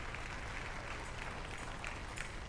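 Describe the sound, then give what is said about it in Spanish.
A church audience applauds God steadily, a dense wash of many hands clapping at an even, sustained level with no voices standing out. “Denle el aplauso a Dios.”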